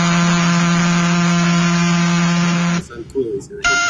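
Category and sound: insect, mosquito buzzing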